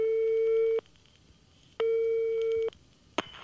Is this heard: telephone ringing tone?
yes